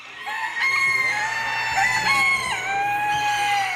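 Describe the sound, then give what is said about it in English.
Several roosters crow loudly and at once at a poultry show of more than 2,400 birds at a fairground in the Maritimes, at 6 o'clock on a Saturday morning, their long, wavering calls overlapping into a continuous chorus with no talking, over a faint steady low hum. “The birds are awake. It's 6 o'clock on a Saturday morning.”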